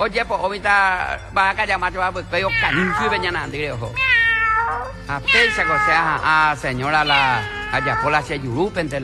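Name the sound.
cat meowing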